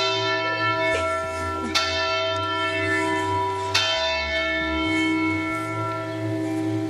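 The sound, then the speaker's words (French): Large church bells in Châtellerault ring the hour, loud overlapping strikes blending into a dense, sustained metallic hum with deep low tones beneath, and no one speaking. “Et c'est l'heure des cloches en plein direct.”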